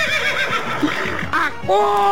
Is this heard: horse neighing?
yes